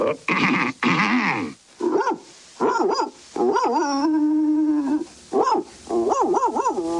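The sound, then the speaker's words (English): A sheepdog barks loudly again and again in uneven bursts, roughly nine in all, with one long, steady, whining howl in the middle; no one speaks. “Tibbs marches smartly behind the lumbering sheepdog.”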